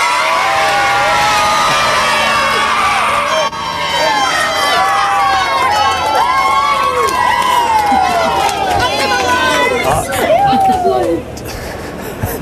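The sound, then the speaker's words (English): A loud Queensland State of Origin rugby league crowd cheers steadily, with many high-pitched children's voices shouting and whooping over the roar, rising and falling throughout without a break. “you can feel the passion there and perhaps the next generation of Maroons in amongst them.”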